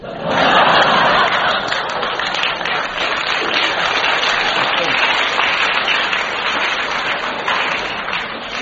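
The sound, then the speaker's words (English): An audience at a show applauds loudly for several seconds, a dense, steady patter of clapping that holds at a high level throughout, with a few faint laughs and voices mixed in; a lady in the front row winces as she claps. “Lady in the front row winced and clapped at the same time.”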